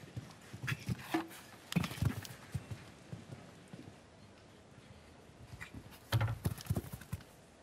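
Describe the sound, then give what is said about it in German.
Horse hooves clip-clopping on a show jumping course with a water jump in an irregular rhythm, with bursts of quick hoofbeats separated by a quieter stretch, clear without any talking. “Zum ersten Mal, in diesem ersten Umlauf, dass ein Pferd auf das Band getreten ist des Wassergrabens.”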